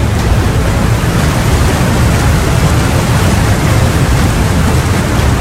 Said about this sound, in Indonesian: Beberapa hari kemudian, hujan turun sangat deras.